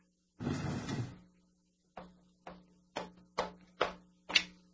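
A chair scrapes briefly across the floor, followed by six fairly evenly spaced wooden thumps and knocks as it is moved away from the window to the other end of the room, with no voices.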